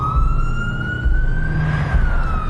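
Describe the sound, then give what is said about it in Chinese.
A loud, sustained alarm siren of a vehicle, switched on with a red button on the center console. The tone climbs slowly in pitch and then dips slightly, sounding over a low, rumbling engine drone. “警报，警报，警报，怎么开？”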